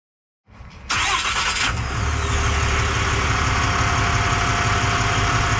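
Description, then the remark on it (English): After a moment of silence, a resident's truck engine cranks and catches with a loud burst for a neighbourhood patrol, then settles into a steady, rumbling idle. No one speaks. “she joined resident Andy Hill on a patrol in his truck”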